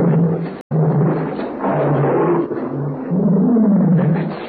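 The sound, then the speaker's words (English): A pet tiger roars loudly in a long, rumbling, continuous growl, broken only by a split-second pause near the start, with no voices. “That's my pet tiger.”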